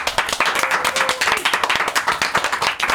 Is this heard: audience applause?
yes